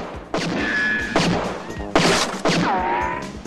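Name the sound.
gunshots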